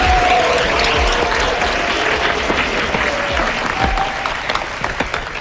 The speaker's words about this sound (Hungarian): Nagy tapsot az első pár!